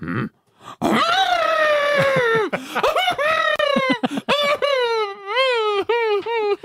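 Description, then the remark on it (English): A person imitates an elephant with loud, drawn-out moaning and wailing, the voice rising and wobbling through several long, quavering calls in close succession after a brief pause. “I didn't say an elephant having sexy time.”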